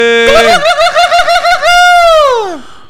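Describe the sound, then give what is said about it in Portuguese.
A turkey gobbles loudly, a rapid warbling rattle that stretches into a long, drawn-out call sliding downward at the end, with no voices around it. “O Peru tá afinado, animado e botando pra cima.”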